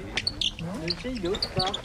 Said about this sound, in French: C'est le gros bec.